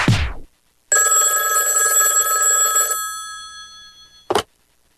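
A single long, bright ring of a telephone bell lasts about two seconds and then stops, framed by brief clicks or knocks before and after. No one speaks.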